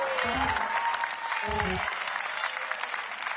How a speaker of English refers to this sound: We're not doing bad. Your claps are staying pretty consistent.